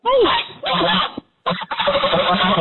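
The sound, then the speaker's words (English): A young pet goose named Umbra gives loud, hoarse, gravelly honks, rasping in two long bursts split by a brief silence, with a rough, smoker-like texture throughout. “You hear that monster? She sounds like she's been smoking 8 packs of cigarettes a day.”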